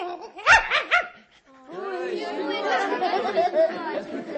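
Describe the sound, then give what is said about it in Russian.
A puppy gives a quick burst of three or four high yapping barks, then falls quiet before a busy stretch of overlapping voices, with faint whimpering woven through the chatter. “Щенок, что надо.”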